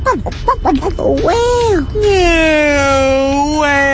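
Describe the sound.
A person imitates a whale call, starting with short choppy vocal bursts and then drawing out a long, sustained, wavering moan. The voice is fairly loud.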